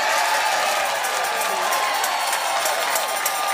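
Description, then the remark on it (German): A crowd cheers and claps loudly and without a break after winning a Radio 91.2 and Dortmunder Volksbank contest, a dense, hissy roar of many voices and hands that stays steady throughout. “Nochmal jubeln vielleicht.”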